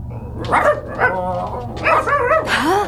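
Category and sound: animal, dog barking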